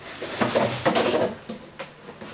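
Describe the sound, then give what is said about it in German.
A chair being fetched and moved, with a few wooden knocks and short scraping bumps over a couple of seconds, fading into quieter shuffling at the end. “Holt ihr irgendwie einen Stuhl?”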